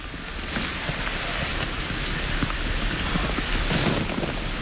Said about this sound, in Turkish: Biraz önce çalıştığımız dağlara doğru devasa bir yağmur bulutu geldiği söylendi. Sağanak yağmur yağma şansı çok yüksek. Yağmur her şekilde zorlayıcıdır. Ama özellikle bu dağlarda sağanak yağmur bir anda kabusa dönüşebilir.